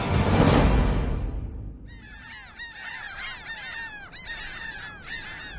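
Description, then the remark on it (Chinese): A loud burst of rushing noise fades, then a dense colony of penguins calls over each other, harsh braying and honking cries overlapping continuously. “瞧，企鹅。”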